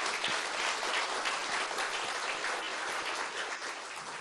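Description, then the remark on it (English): Sustained audience applause for an expert panel, a dense wash of many hands clapping at steady loudness for several seconds, with no one speaking over it. “So please give a rounding, loving applause for our expert panel.”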